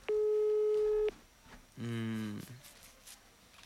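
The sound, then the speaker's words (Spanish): Electronic ringback tones of a phone call to a phone that has wifi turned on: a steady harmonic tone for about a second, a pause, then a lower buzzy tone, both clear, with no voices. “Cuando los tonos son así es porque tienen el wifi prendido.”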